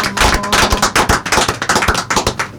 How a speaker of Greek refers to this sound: Τώρα χειροκροτάμε όλοι.